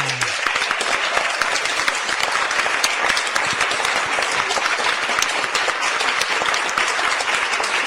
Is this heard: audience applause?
yes